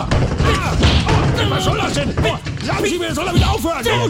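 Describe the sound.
Heavy punches thud repeatedly into a body during a chaotic scuffle, loud, mixed with shouting and grunting voices throughout.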